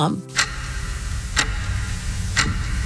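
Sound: clock-like ticking sound effect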